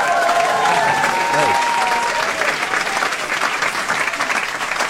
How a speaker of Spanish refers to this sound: Le levantamos un aplauso.